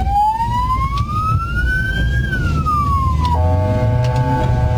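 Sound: ambulance siren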